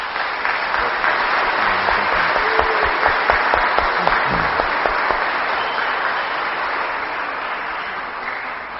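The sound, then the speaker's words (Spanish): An audience at Mass claps steadily for several seconds for the departing priest, a dense, sustained wash of applause that stays loud throughout and tapers slightly toward the end, with a faint murmur of voices underneath. “Así que les pido un fuerte aplauso para él.”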